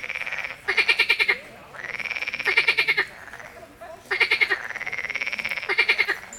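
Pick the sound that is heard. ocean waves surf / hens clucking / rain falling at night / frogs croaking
frogs croaking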